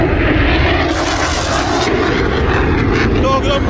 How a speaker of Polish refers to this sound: Silników samolotów Sił Powietrznych Stanów Zjednoczonych, które w tej chwili dokonują przelotów nad amerykańską stolicą. To jest pozdrowienie dla wszystkich tych, którzy gromadzą się w tej chwili w okolicy monumentu Waszyngtona